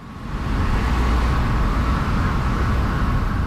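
Steady street traffic of trucks and cars rumbles outside a building called Main Rooms at the foot of Main Street on the downtown east side, a continuous wash of engine and road noise that swells in over the first half second and then holds at a constant, fairly loud level, with no one talking.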